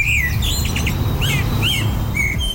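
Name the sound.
common blackbird singing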